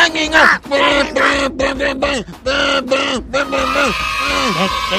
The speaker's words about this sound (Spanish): ¿Me echamos una porrita? Va, 3, 2, 1. ¡México! ¡México!